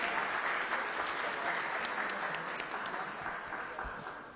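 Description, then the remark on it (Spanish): Sustained audience applause fills the space, a dense wash of many hands clapping at steady strength before easing slightly toward the end, with no one speaking over it. “Muy bien, y un aplauso para todos y todas.”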